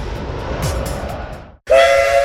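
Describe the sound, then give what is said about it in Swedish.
Steady rumbling rail noise of a Skara–Lundsbrunns Järnvägar vintage train in Sweden gives way, after a brief pause, to a loud, sustained train whistle with a bright steady tone that holds to the end. No one speaks. “Skara Lundsbrunns järnvägar kör veterantåg under lördagar och söndagar i juli och augusti samt tisdag och torsdag kvällar i juli och halva augusti.”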